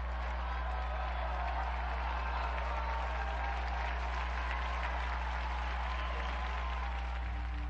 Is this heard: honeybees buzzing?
no